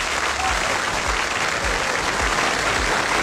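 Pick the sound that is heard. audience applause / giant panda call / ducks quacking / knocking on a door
audience applause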